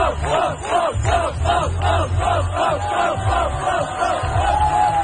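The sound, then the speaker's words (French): A loud crowd cheers on professional cyclists in a race near the Université de Montréal. It chants in a steady rhythm, voices rising and falling about twice a second, with a continuous low rumble underneath and a high whistle-like tone near the end. “L'engouement de la foule aussi faisait du bien à voir sur les réseaux sociaux, autant ceux qui encourageaient évidemment les meilleurs cyclistes au monde.”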